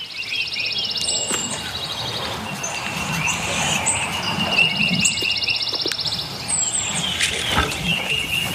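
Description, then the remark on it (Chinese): Many small birds chatter and chirp at once around a bird feeder in a busy, overlapping chorus of high calls, with quick trills and scattered pecking-like taps underneath, steady and fairly loud throughout. “于是鸟食器附近又恢复了热闹。”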